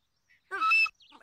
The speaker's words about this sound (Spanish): Se llama silbato de pluma, pero no costó ni un centavo.